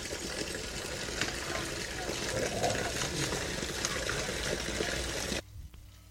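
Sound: water flowing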